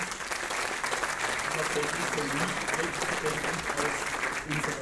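Steady applause from an audience, a dense, continuous patter of many hands clapping at even loudness for several seconds, with faint murmuring underneath.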